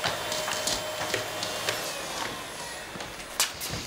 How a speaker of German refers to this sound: Das nennt man Staubsaugen.